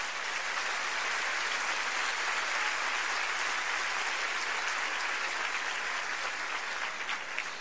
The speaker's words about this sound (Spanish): Ahí viene un aplauso, si quieren, para que no se aburran.